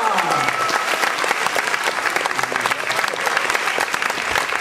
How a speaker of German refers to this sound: Und deshalb gibt es von mir einen Ehrenbutton und vom Publikum einen tollen Applaus